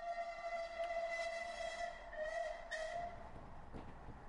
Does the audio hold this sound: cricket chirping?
no